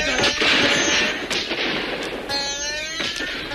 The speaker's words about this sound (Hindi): सिपाहियों ने गोलियों की भयानक बरसात कर दी।